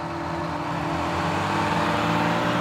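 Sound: bus engine running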